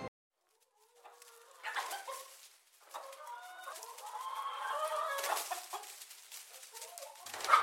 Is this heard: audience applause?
no